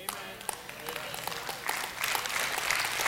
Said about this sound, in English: I got about five of you that are clapping on that one.